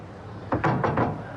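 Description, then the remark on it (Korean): Four quick knocks rap on a wooden office door in an even rhythm, fairly loud, with no voices. “얼굴에 미소를 띠고 노크한다.”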